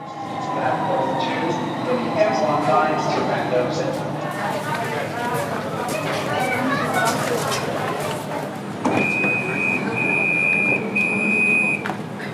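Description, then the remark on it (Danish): Inside a moving metro train on a sunny Thursday afternoon, filled with passengers carrying rolling suitcases: a steady rumbling hum with rattles and squeals, and a sustained electronic tone sounding near the end, with passengers' voices murmuring faintly underneath. “Og metroen er da også fyldt med rullekufferter og folk med shorts og solbriller på den her solrige torsdag eftermiddag.”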